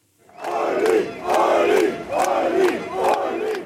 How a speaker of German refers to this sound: Jubelchöre seiner Fans für Ulrich Siegmund, Spitzenkandidat der AfD. Er ist der große Herausforderer dieser Wahl. Seine Ansagen auch am Freitagnachmittag auf dem Messeplatz Max Wille, einem großen Veranstaltungsplatz mitten in Magdeburg.